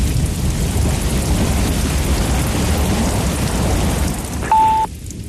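A thunderstorm with steady, heavy rain pouring throughout and a deep rumble underneath, loud, cut off near the end by a short electronic beep.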